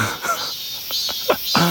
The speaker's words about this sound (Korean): 아 진짜 벌써 소리만 들어도 어디 약간 그 숲속에 들어온 것 같은 그런 기분이 드는 소리. 매미 소리를 싫어하시는 분들이 은근히 많이 계시더라고요. 저는 매미 소리 사실 좋아합니다. 막 시끄럽다기보다는 그냥 자연의 소리 같이 느껴져서 제가 아직 매미의 울음 공격을 못 느껴본 거겠죠?